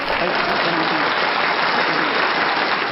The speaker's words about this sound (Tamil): அவருக்கான ஒரு கைத்தட்டு கொடுத்துடலாமா? Yes please.